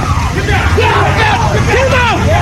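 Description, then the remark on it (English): A crowd shouting and calling out over one another to the president as he emerges from the Washington Hilton Hotel, several voices rising in overlapping yells above a steady low rumble of traffic and engine noise. “The crowd calling to the president as he emerged from the Washington Hilton Hotel.”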